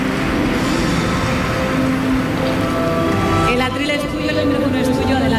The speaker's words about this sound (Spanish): Está ahora mismo posando para los compañeros de la prensa gráfica, muy sonriente, con el premio en la mano, y este gran aplauso de las 1.300 personas que están llenando este salón en esta jornada del 75 aniversario del Premio Planeta.